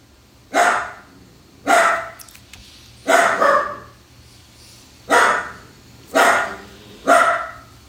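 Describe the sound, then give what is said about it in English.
A dog named Shots barks six times at a slow, steady pace, each bark loud, with a faint low growl running underneath between barks. “You hear the mean growl.”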